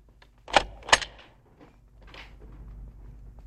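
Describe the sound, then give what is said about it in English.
Keys turn in an office door lock on the second floor of an office building: two sharp metallic clicks a moment apart, then a faint rattle and rustle against a quiet background with no one speaking. “Gumbold is locking up the office door.”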